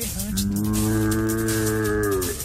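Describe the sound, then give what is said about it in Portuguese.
A single sustained blast on a berrante cattle horn, played by a presenter on a Litoral FM radio show, low and buzzy, held steadily for a couple of seconds, loud, much like an ox bellowing, with no talking over it. “eu vi você pedindo um colega pra tocar o berrante, eu também sei tocar berrante, olha só.”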